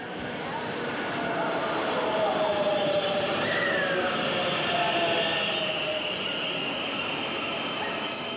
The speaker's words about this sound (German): Unser Zug steht zur Abfahrt bereit. Und dieser Zug ist außergewöhnlich in seinem Design und edel in seiner Ausführung. Edel ist auch sein Name, Golden Pass Panoramik. Ohne Ruck setzt sich das Hightech-Gefährt in Bewegung.